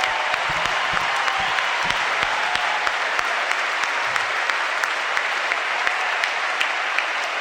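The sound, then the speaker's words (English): An audience applauds steadily for the directors and counselors present tonight, dense clapping filling the whole stretch at an even, fairly loud level with scattered sharper claps popping out. No one speaks over it. “And some of the directors and counselors are here tonight, which I'd love to give them a huge round of applause.”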